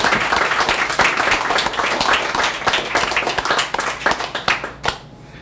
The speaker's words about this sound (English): Well, welcome everybody. What a nice crowd. So this is, give yourselves a hand for coming out on a beautiful evening.